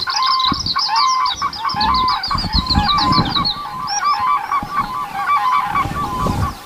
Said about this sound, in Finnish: Välillä jos on kurkien reviireillä, niin ensimmäinen kurki kun huutaa siellä, niin sitten muut vastaa